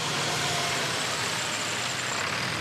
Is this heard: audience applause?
no